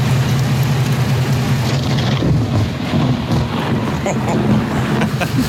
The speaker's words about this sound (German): Rund um Erfurt, da hagelt es ordentlich. Ich hoffe, dass da keine Dellen ins Auto irgendwie reinkommen.